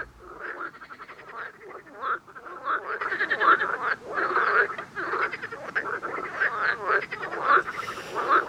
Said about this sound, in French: Et de retour dans les studios de RGO avec nos batraciens dans l'oreille du cyclope, une spéciale grenouille aujourd'hui.